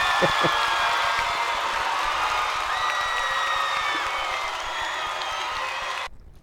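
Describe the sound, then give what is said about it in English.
A large crowd claps and cheers loudly and steadily, with whoops and shouts rising over dense applause before it cuts off abruptly near the end. “Clap your hands.”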